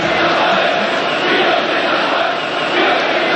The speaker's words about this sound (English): And then came 1989, the fall of the wall, the end of communism. A huge cheer goes up as the first of the East Berliners come across to the west.